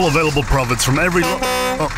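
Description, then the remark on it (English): A man talks steadily while making a Lottery West advertisement, then a vehicle horn sounds one sustained, loud beep before his voice resumes briefly. “Stop beeping, I'm making an ad.”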